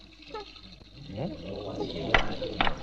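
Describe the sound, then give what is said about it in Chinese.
Tap water, turned on full, pours steadily into a bucket, its pitch rising as it fills, with a couple of sharp clunks near the end and faint voices in the background. “楼下关水龙头啊！你们想造反呐？明知道我起床要洗脸，干嘛把水开那么大？”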